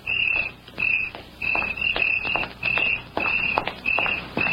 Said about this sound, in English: He knew she would walk home that night, and he waited in the clump of weeds until he heard her footsteps.